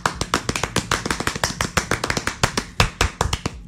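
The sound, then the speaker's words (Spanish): A small group claps steadily for a few seconds on the Radio Tiempo radio show, applauding female listeners; sharp hand claps overlap in a quick, uneven rhythm, fairly loud, with no voices. “Aplauso para ellas.”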